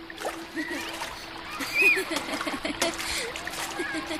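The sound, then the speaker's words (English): Continuous splashing and sloshing of water in a river as children play in it, steady, with indistinct voices mixed into the background and a brief louder surge of splashing midway. “Right as Shiv Dutt opened his eyes, he saw Govind and all his friends dressed up and ready to play in the river like always.”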